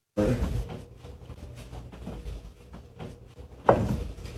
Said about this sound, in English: Oh, come on. Somebody's knocking on it. Did that move? Oh. So every time you hear a knock, you see the mirror kind of bounce off the wall.